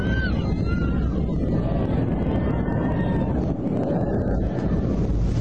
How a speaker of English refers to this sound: Oh my. Sounds like you can hear the plane going down.